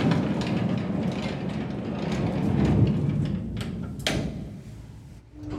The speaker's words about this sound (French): Train de wagonnet tiré par un cheval aveugle.